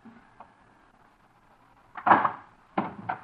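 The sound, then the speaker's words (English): A door is opened: a short latch clatter and scrape, then a second pair of knocking, rattling bumps after a brief pause, with near-silence before. “Please open the door.”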